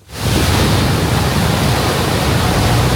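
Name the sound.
fast-flowing river water rushing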